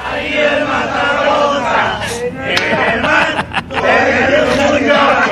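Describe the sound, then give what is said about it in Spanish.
A crowd of Mexicans sitting on a floor chants a Mexican version of the Norwegian Viking rowing cheer, miming rowing, loud, a bit ragged and uncoordinated, with sharp slaps or claps cutting through the steady shouting. “O sea, ya salió al mercado la versión mexicana de esta bonita porra y está mucho, mucho más sabrosa. Son mexicanos remando.”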